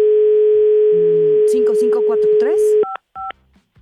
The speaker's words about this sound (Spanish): Va a sonar tres veces, ¿eh? El teléfono, si no me contestan, pues ya se la perdieron.